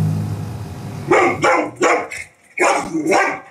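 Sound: dog barking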